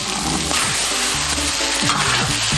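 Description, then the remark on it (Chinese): Steady, loud sizzling and crackling of duck pieces being stir-fried in a hot wok with ginger, scallion, huangjing, konjac and chili sauce for rice-fragrant konjac duck, with occasional scraping and clanking of a spatula against the pan, continuous throughout. “经过炒制，辣椒酱裹满鸭肉块，鸭肉的颜色变得十分红亮。”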